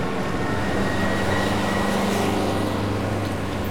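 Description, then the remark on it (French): A steady, heavy engine rumble with a deep low drone and broad roaring noise of trucks revving and roaring their engines, holding constant throughout without any voices. “Les camions font rugir leurs moteurs.”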